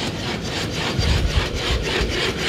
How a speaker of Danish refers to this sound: Og så er det bare det mest creepy robotdyr, der kommer løbende. Vi kan lige se en video af den her. Der kommer Spot løbende. Den ligner jo en hund.